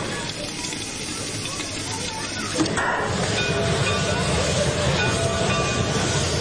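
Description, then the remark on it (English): A restored Shay steam locomotive of gleaming black steel and brass idles at the station, its steady steam hiss filling the air and growing fuller partway through as steam pressure holds steady, with a low mechanical rumble and faint voices in the background. “This is a Shays locomotive, restored and well-maintained, gleaming black steel and brass, the steam pressure holding steady, waiting to turn the pistons.”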